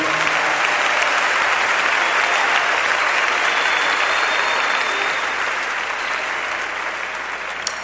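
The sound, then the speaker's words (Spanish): A large audience claps loudly and steadily, a dense wash of applause that holds for several seconds and fades only slightly toward the end. “Le más fuerte las palmas a él.”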